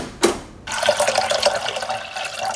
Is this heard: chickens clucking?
no